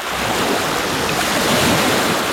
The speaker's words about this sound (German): Ah, oh. Oh, ja, das Meer.